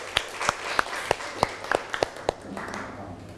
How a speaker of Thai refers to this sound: มีตัวแทนนักเรียนกลุ่มไหนอยากจะนำเสนอไหมคะเชิญตัวแทนนักเรียนได้เลยค่ะขอเสียงปรบมือให้เพื่อนหน่อยค่ะ